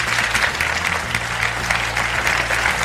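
Steady applause from an audience, a dense wash of many hands clapping at an even loudness for a few seconds, with a low hum underneath and no voices standing out.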